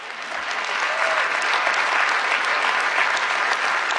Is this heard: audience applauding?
yes